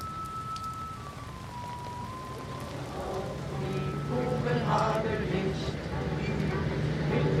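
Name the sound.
rain pattering on umbrellas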